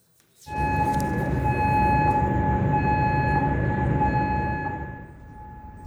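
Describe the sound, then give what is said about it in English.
An air raid siren sounds a loud, steady tone over a deep rumbling background in Kuwait's capital, as air defenses intercept Iranian missiles and drones. It starts abruptly, holds for about five seconds, then fades away. No voices are heard. “And sirens have sounded in Kuwait's capital.”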